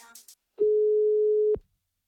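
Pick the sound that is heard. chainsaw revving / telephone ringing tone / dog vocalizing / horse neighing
telephone ringing tone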